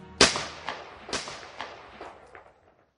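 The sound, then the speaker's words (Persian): A loud, sharp gunshot, depicting Ömer Halisdemir shooting coup general Semih Terzi at the special forces command headquarters, rings out, followed by several fainter cracks or echoes that fade away over a few seconds, with no voices. “او جنرال کودتاچی سمیح طرزی را پیش از ورود به مقر قماندانی با شلیک گلوله از پای درآورد”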